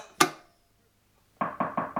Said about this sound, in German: Es hat geklopft. Erlauben Sie, dass ich nachsehe?